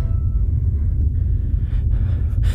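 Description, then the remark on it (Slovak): A deep, continuous low rumble rolls on for a few seconds, heavy, the drawn-out boom of a very large explosion somewhere on the outskirts, not thunder. No one speaks. “Explózia v nemoh. Asi hrom, nie?”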